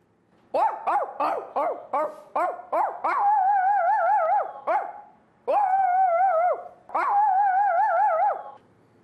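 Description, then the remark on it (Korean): A person imitates a baby puppy and then a big dog, starting with a quick run of about seven short, yappy puppy barks, then shifting to longer, drawn-out wavering barks and howls, loud with brief pauses. “저는 아기 강아지랑 큰 강아지 할 수 있어요.”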